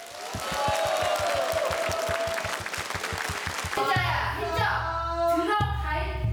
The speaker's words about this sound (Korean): 그 멋진 무대, 여러분의 추임새와 큰 박수로 청해보겠습니다. 박수 부탁드립니다.